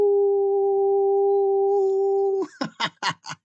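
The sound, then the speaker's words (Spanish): On the show Desvelados, a person imitates a loud howl sent as a greeting to the director, holding one steady, unwavering note for over two seconds, then breaks into four or five quick, rhythmic bursts like short laughs. “Y pues, si mi querida directora anda por ahí, quiero enviarle un gran aullido.”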